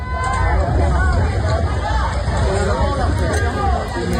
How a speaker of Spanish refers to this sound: Y aquí gritan como una camilla que les llegue, porque acaban de rescatar a un hombre, pues eso, que está bajo cascotes de un edificio derruido.